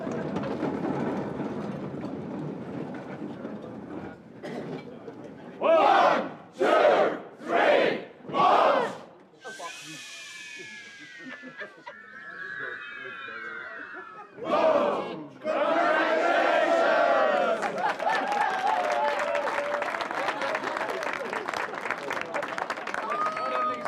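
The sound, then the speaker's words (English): A crowd performs the Cresta Firework, a ritual cheer done at the end of every Cresta Run prize giving in St Moritz: four loud, rhythmic group shouts, then rising whistled tones as voices mimic fireworks, a sharp burst, and a sustained roar of cheering and applause. “The Cresta Firework we do at the end of every prize giving, and the leader of a firework is someone who has fallen that day.”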